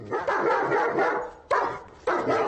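A dog barks loudly, a long rough outburst followed by two more sharp bursts in quick succession, with no one speaking.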